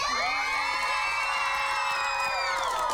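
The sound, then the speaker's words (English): A studio audience at a TV Bible quiz show cheers and shouts together in a loud, sustained roar of many voices, with high excited yells and whoops riding on top for the full few seconds. “Studio audience?”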